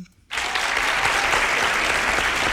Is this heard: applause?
yes